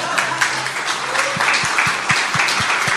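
A crowd applauds with dense, steady clapping that fills the whole stretch, and about halfway through a regular low thumping beat joins in beneath it. No one speaks.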